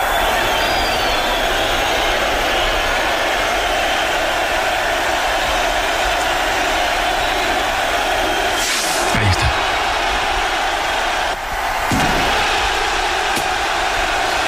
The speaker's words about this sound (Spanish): El sonido en directo desde la plaza del Ayuntamiento de Pamplona. Ahora deberá sonar el estallido del chupinazo.